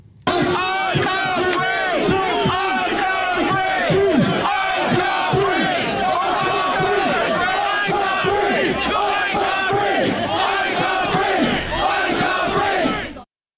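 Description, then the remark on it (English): A large crowd of protesters outside Southampton Police Station chants and shouts "I can't breathe" together in a loud, continuous roar, voices rising and falling in rhythmic bursts throughout, with the sound cutting off abruptly at the end. “So they're shouting, "I can't breathe, I can't breathe," which, as we all know now, are some of the final words of Henry Novak,”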